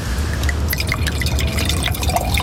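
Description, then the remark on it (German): A drink is poured into a glass as a refill, a steady run of small splashing, bubbling drips over a low background hum, with no voices. “Darf ich nachschenken?”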